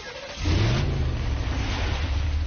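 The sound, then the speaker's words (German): A car engine rumbles steadily, starting quieter and rising after a moment into a sustained low drone with road noise as the car drives home. “Ja, das ist mein Auto. Es geht nach Hause.”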